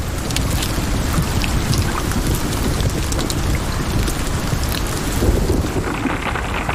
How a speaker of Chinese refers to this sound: 它需要担心的是从空中砸落到地面的冰雹。有时暴风雨会裹挟着冰雹倾泻而下，大颗粒的冰雹甚至能以每小时200多公里的速度砸向地面，小颗粒的冰雹也可能给动物造成伤害。